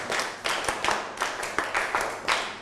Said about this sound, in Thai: ครูจะให้นักเรียนเล่นเกมนะครับนักเรียนอยากเล่นหรือยังครับ อยากแล้ว ถ้าอยากแล้วปรบมือ1ครั้งปรบมือ2ครั้งปรบมือ1ชุด